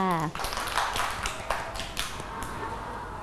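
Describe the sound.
A group of children clapping for a classmate at the teacher's request, in a loose, uneven patter of sharp claps that carries on for a few seconds, after a brief voice at the start and over a steady background murmur.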